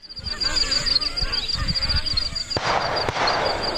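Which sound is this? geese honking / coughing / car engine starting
geese honking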